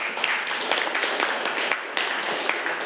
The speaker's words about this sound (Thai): โอเคปรบมือให้กับเพื่อนเลยนักเรียนนะ